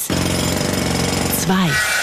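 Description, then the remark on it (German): A Kango jackhammer pounds loudly in a rapid, steady rattle for over a second, then cuts off as a voice briefly speaks at the end. “Also da der Hammer, der Kango-Hammer und die Eis.”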